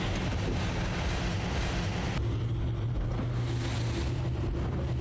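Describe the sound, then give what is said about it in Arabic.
A boat's engine drones steadily as it crosses rough waves on the Red Sea in strong wind, heading to Zuqar Island more than 40 nautical miles away. Wind buffets the microphone and waves crash and hiss around the hull in a loud, continuous roar with no one speaking. “العبور على هذه الأمواج لا يبدو سهلا مع كثافة الرياح، أكثر من 40 ميلا بحريا يتعين علينا أن نقطعها للوصول إلى أهم نقطة اشتباك على البحر الأحمر.”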